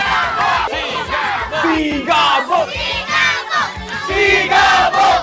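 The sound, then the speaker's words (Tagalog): A large crowd in San Fernando City, Pampanga, shouts and cheers together for Coco Martin in loud, rhythmic bursts, voices rising and falling in unison like a chant, with dense overlapping yelling throughout. “At ang sigaw ng bayan!”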